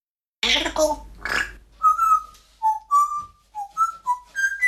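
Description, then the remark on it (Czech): A pet parrot named Žaninka gives two harsh, raspy squawks, then a string of about eight short, clear whistled notes that hop up and down in pitch, each note bright and loud against silence. “Žaninko, papoušku, ty zase budeš v rádiu.”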